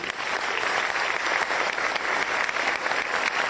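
Steady, dense audience applause with many hands clapping continuously at a fairly loud, even level throughout, no voices standing out above it.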